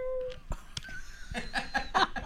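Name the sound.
cat meowing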